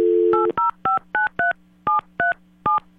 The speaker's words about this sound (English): we're going to let you, you're going to listen in while I actually dial that phone here this morning.